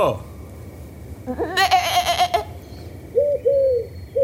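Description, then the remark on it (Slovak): A sheep, the ewe Betka, lets out a loud, quavering bleat lasting about a second, then two shorter, softer calls follow after a brief pause, with no talking. “A ty sa tu kde berieš, ovečka naša? Veď Matej Dunča volal a zrazu si sa tu zjavila ty.”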